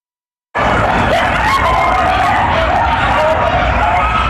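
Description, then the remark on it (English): After a brief silence, a loud chorus of coyotes at an abandoned construction site in West Hollywood erupts, overlapping howls and high wavering yips that continue without a break, dense over a rough, noisy background. “We're back with coyotes howling from this abandoned construction site in West Hollywood.”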